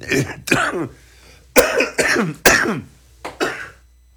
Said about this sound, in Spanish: una disculpa, me tuve que ir segunditos, la tos. La semana pasada estuve con garganta cerradona. La verdad es que esta tosecilla es la que queda, el residuo, digamos, de lo que me imagino quiso ser una gripe.